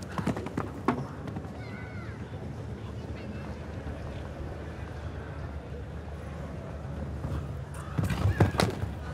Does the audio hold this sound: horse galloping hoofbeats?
yes